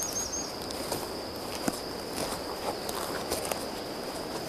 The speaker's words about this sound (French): La sibilance des insectes s'évapore.